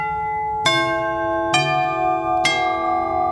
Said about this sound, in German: In der Klingel fließt dann auch Strom und der sorgt dafür, dass ein Geräusch entsteht. Bei neueren Klingeln kommt das Geräusch aus einem kleinen Lautsprecher.